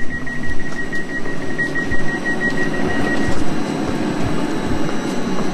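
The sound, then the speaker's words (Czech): A train boarded at Praha Bubny station in Prague, Czech Republic, heading to Lipčice nad Vltavou, rumbles steadily and loudly, with a thin high squeal and faint rhythmic clicks over the first few seconds before the squeal fades and the rumble continues. “My teď nastoupíme do vlaku, ale nebude to směr Bohušovice nad Ohří.”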